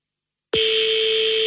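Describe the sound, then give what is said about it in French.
After a brief silence, a loud, steady electronic telephone ringing tone of a call to a number in the 20th arrondissement of Paris, France starts abruptly and holds unbroken at a constant pitch until the end, unanswered, with no one speaking. “Ah, je pense qu'elle va laisser sonner la coquine.”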